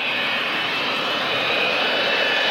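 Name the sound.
airplane engine in flight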